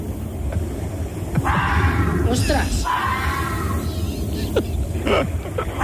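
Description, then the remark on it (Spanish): Drawn-out, wailing yowls that rise and fall in pitch, sounding almost like a human cry, played as a quiz sound that is not a Siamese cat, while a person briefly exclaims over the noisy background. “El gato. Gato siamés.”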